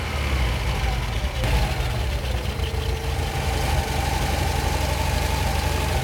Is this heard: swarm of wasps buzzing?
no